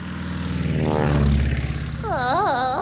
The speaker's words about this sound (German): Und Flugzeug! Flugzeug, genau.